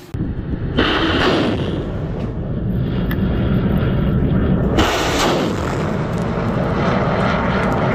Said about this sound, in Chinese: 在上级指挥所统一指挥下，火力分队对目标区展开首波次火力突袭。